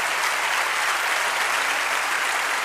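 A large audience applauds after a live music performance, a dense, continuous wash of applause filling the whole moment at a loud level with no voices breaking through.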